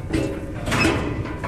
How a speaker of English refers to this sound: Two buffalo boys pull open the wide trailer doors.